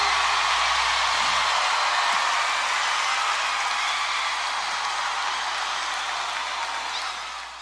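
Loud, dense applause from a large audience, a steady wash of clapping that holds for several seconds and then tapers off slightly at the end.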